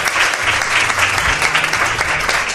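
Steady applause from a crowd, a dense continuous patter of many hands clapping at an even, fairly loud level for a couple of seconds, with a faint voice murmuring underneath.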